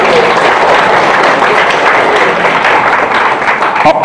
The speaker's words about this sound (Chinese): 我们再次把掌声送给